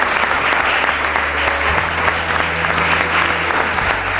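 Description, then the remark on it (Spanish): A live audience in Murcia applauds steadily for several seconds at the end of the radio programme La Brújula, a dense wash of clapping hands that stays loud and even throughout with no voices standing out. “Pues un aplauso, ya que no le hemos dado nada.”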